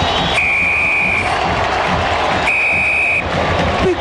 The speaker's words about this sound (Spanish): Va a sacar la pelota el meteraya y será triunfo de la U por 2-1. Ahí está, viene el pitazo del juez.